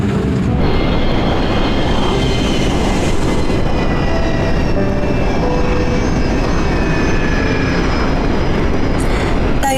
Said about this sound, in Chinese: 30分钟后就会上升到巡航高度，感觉飞机声音变小了吧？因为我们不再需要那么大的推力，我们会接通自动驾驶，这可远比人飞得要平稳。